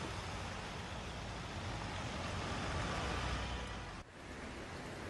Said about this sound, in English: These are visuals coming in from Kargar. Heavy rain has submerged roads, causing severe waterlogging and also long traffic snarls, we're told.